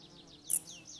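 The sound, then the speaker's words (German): A dark bush-cricket, a long-legged bush-cricket, gives one very short, high-pitched chirp in a mountain forest in autumn, a brief sharp burst in the middle of otherwise quiet surroundings, with faint whistly sounds around it. “Die gemeine Strauchschrecke ist oft als letzte Heuschrecke im Jahr zu hören, wenn die Kälte die anderen längst dahingerafft hat.”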